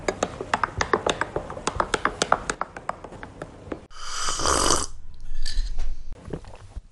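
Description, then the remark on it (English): A quick run of light clicks and taps, then two long, breathy slurps, someone loudly sipping a hot coffee, with no talking. “Yes, as you can hear, I'm sipping my coffee.”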